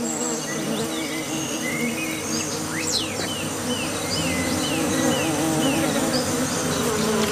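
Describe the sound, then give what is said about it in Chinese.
A dense, steady drone of many bees buzzing around a small water puddle on the ground in hot weather, with a continuous low hum and occasional brief chirps in the background. No one speaks. “蜜蜂比他们来得更早，”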